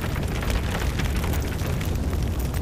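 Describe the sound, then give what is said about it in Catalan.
A forest fire burns with a steady, dense roar and a deep low rumble, scattered crackles and pops flickering through it. No voices, just the continuous blaze throughout. “Si pensam en un incendi forestal i això que sentiu, el foc que crema, les cendres, el residu de la tragèdia, aquell mantell negre que queda quan el foc s'apaga.”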